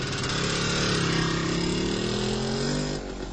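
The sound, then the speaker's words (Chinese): A motorcycle engine drones loudly and steadily as Feng Chao rides off on it, its pitch shifting slightly as it revs, then the sound drops off near the end as it pulls away. No voices are heard. “冯超骑着摩托车走了。”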